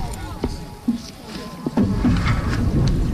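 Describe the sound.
The two stroke paddlers of a women's dragon boat dip and pull their paddles through water in a few separate splashy strokes, followed by a steadier wash of churning water, with faint voices in the background.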